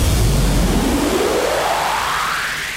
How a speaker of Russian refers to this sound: Ну-ка, смотри. Да, действительно. Ветер слышно.